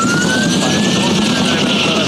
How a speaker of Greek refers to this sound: γιατί πέρασε πολύ χαμηλά το ελικόπτερο για να κάνει την ρήψη. Ακούμε και τα πυροσβεστικά από κάτω.